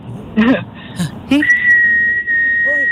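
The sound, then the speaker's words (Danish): A person whistles one steady, unwavering high note, held loud for over a second, following a few brief vocal sounds and breaths. “eller så er det et langt fløjt. Må vi høre det? Hvor jeg ligesom holder tonen.”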